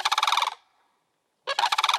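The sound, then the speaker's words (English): Two bursts of a rapid, pulsing, rattling bird call, pitched down and layered so it sounds like a much larger animal, separated by a brief silence. “Pitch shifting it down, adding more layers to it.”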